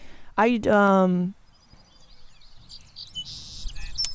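A loud, nasal call of a Brewer's Sparrow rings out once for about a second, followed by faint, scattered high chirps and twitters in the background over quiet outdoor ambience.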